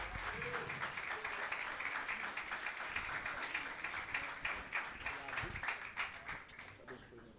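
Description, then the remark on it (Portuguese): A church audience applauds for Jesus after the praise ministry, dense overlapping clapping holding at an even level for several seconds with some voices blended in, then easing slightly toward the end. “aplauda Jesus.”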